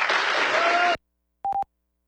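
Roughly a second of loud, dense audience applause congratulating the Zapasma water utility on an award for best municipal practices in drinking water, cutting off abruptly, followed by a brief silence and a short electronic beep tone.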